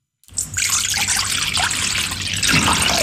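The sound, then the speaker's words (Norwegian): Half a litre of water pours steadily into a metal bowl, a continuous splashing rush that starts abruptly and holds at an even level for a few seconds, with no voices. The water is to be mixed with a teaspoon of baking soda for soaking berries. “Tar jeg en halv liter vann, blander jeg med en teskje natron.”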